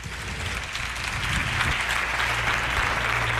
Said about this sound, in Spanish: Un aplauso para ellos.